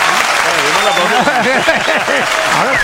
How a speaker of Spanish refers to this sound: Vale, denme el aplauso con...